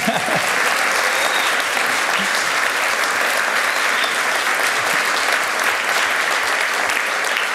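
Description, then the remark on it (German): Sustained applause in the evening from a large live audience at the Alpenfest in Lengries, a dense, steady wash of clapping hands that fills the space evenly for several seconds without letting up. “Sie können gerne klatschen, wenn Sie wollen.”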